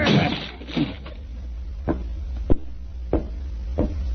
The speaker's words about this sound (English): You've got to get in there at once. Open the door. Well, it's locked. Never mind that. Get your shoulders into it.